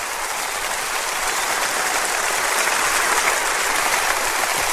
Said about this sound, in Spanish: Dele un aplauso a nuestro Señor.